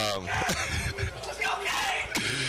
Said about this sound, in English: Teammates shouting him up here in the locker room.